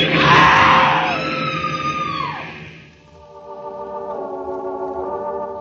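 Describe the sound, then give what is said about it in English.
A woman on a train platform lets out a loud, piercing scream that peaks at the start and trails off over about three seconds, followed by a lower, steady grinding drone as a train grinds to a stop. “A woman screams.”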